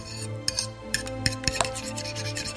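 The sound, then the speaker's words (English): Dishes being washed: steady rubbing and scrubbing with a handful of sharp, irregular clinks, over a low background hum. No one speaks. “And clean the dishes.”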